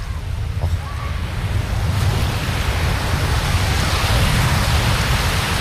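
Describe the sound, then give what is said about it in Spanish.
Steady roar of ocean surf washing onto a beach, a continuous broad rushing wash that swells slightly louder toward the end, with low wind rumble and no voices. “Yo os voy a dejar con ese sonido maravilloso para que disfrutéis.”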